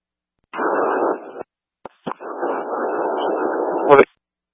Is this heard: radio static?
yes